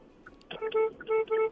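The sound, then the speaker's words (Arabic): Car horns honk in several loud bursts, one long blare followed by two more, over a low rumble of busy street traffic on King Road, where people in cars with flags are celebrating. “أي والله زحمة ما شاء الله، الآن بدوا يحتفلوا، السيارات عندنا بالإعلام وحال.”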